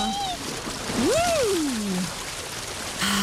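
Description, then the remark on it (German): Steady rushing water hisses throughout as someone goes down a pool slide into the Herpine pool in Halfa during hot weather, with a gliding vocal whoop rising and falling through the middle. “Einmal über die Rutsche rein in die Herpine in Halfa.”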